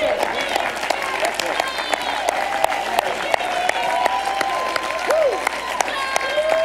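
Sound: audience clapping hands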